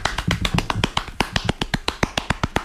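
Rapid hand clapping in a fast, steady rhythm, around eighteen sharp, crisp claps packed into a few seconds, with no voices over them, during a timed ten-second clapping challenge in which the claps are counted.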